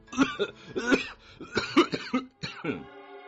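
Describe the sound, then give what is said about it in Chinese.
A sudden fit of harsh coughing from the Qianlong Emperor, as if choked on something: several rapid, raspy bursts in an uneven rhythm, trailing off into a strained, voiced gasp for breath. “他像是被什么给呛了一下，突然间一阵咳嗽，咳得涨红了脸。”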